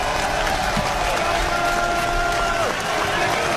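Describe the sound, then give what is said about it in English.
A large college baseball stadium crowd rises to its feet and roars steadily, hoping for back-to-back strikeouts, a dense, loud wash of voices with a faint sustained tone threading through, no single speaker standing out. “The crowd again comes to their feet, hoping for back-to-back strikeouts out of Vaguely.”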